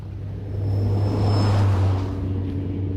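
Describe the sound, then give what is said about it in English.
A double-decker bus with a deep, steady engine drone rolls past without stopping for a raised hand, its rumble swelling to a peak midway and then easing off without slowing. There is no talking. “I'll stick my hand out for the bus.”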